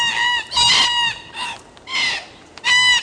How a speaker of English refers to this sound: I love the sound of red-tailed black cockatoos screeching from the trees.